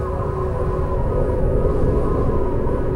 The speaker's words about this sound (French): Tu entends le souffle du vent?